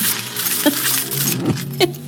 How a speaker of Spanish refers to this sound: Más ruido hace con las llaves